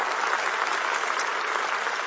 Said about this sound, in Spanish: Un aplauso al Señor por la palabra. Vamos, fuerte, fuerte.